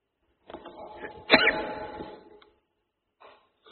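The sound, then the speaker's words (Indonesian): A single sneeze: a rising, breathy intake builds to one sharp, explosive burst that fades out over a second, followed by a brief faint rustle. “Alhamdulillah. Yahdikum Allah.”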